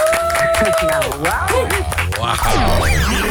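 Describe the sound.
Audience applause welcoming a guest, a presenter, actor and coach who wrote the book Eindelijk Jezelf: a dense steady clatter of clapping lasting a few seconds, with rising and falling cheers and voices mixed in and a brief held tone at the start.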